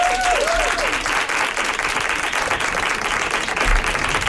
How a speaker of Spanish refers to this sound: así que un aplauso allá donde esté a Laura Márquez.